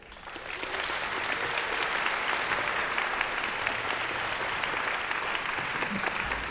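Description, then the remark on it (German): Sustained audience applause at the 112th Radio 3 children's concert "Manege frei" in the RBB broadcast tent, a dense wash of many hands clapping at steady volume throughout, with faint crowd murmur mixed in; no speech over it. “Kein Applaus ohne Auftritt und vor allem kein Auftritt ohne Applaus.”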